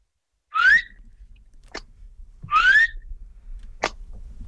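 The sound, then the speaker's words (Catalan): A person whistles an invented bird-like call twice: each time a bright rising whistle sweeps upward, then a short sharp click-like chirp follows about a second later. No one speaks. “Perquè tu imites algun ocell? Jo, miri, vol que li faci un ocell?”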